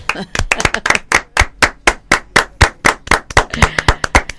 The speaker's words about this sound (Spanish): Yo personalmente voy a pedirles un aplauso por esta familia preciosa de ella.